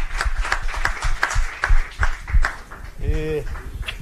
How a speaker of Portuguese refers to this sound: Palmas!